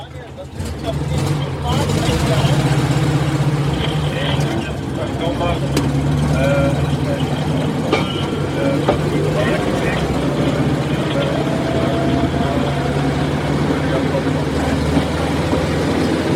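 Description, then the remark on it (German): A rail draisine, made by the firm FKF in Frankfurt to Bundesbahn specification, drones steadily with its diesel engine as it drives out from a turntable, a low rumbling hum that holds constant for the whole stretch as it pulls away, with faint clanks over the top. “Es hat aber auch noch mehr Firmen gegeben, die die Draisine in der Art nach Bundesbahnvorgabe gebaut hat. So, wir stehen jetzt auf der Drehscheibe, fahren raus.”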